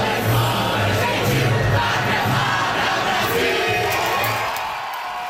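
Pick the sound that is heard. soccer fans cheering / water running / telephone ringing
soccer fans cheering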